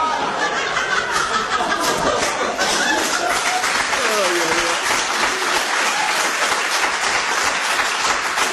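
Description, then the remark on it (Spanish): Sustained audience applause, a dense steady wash of many hands clapping at even loudness for several seconds, with some laughter and crowd voices mixed in. “Dígame, usted, porque la gente lo aplaude, se piensa que yo le voy a creer eso.”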